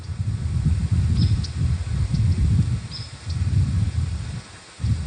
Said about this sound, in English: The birds are chirping and flying all around, right?